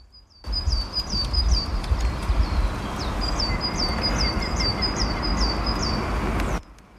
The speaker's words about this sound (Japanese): はい、ということで鳥がね、すごい元気に鳴いていて気持ちいい場所なんですけど、まあそんなところを今走ってね、一回来てみました。